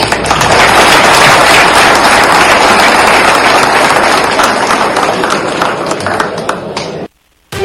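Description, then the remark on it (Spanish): Users present at the General Ordinary Assembly of Módulo Taxes applaud steadily after hearing there will be 100% water availability for planting this year, dense overlapping claps for about seven seconds before cutting off abruptly into brief silence. “Pues ya escuchamos que hasta los aplausos arrancó de los usuarios que estaban ahí presentes en esta Asamblea General Ordinaria de Módulo Taxes, porque sí, por fin ya los productores podrán elegir libremente qué cultivo”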